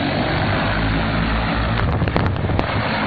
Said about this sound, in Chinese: 在河南省新乡市嘉霍县泰山镇，多架无人机飞防作业在同步进行，小麦灌浆机最后一遍飞防作业即将完成。